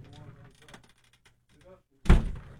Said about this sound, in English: They close the door sometimes. You know what I mean?